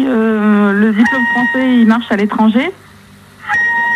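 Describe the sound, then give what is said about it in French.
A voice imitates a seagull with loud, drawn-out wailing cries, then a run of quick, rising squawks, a short pause, and one more brief call starting at the end. “Qui sait qu'il y a une mouette chez lui?”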